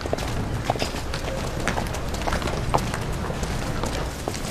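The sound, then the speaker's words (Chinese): Donkey hooves clip-clop in an uneven, unhurried rhythm of sharp knocks over a steady bed of outdoor noise as a donkey is led at an inn, with no one speaking. “带路，看好驴啊。”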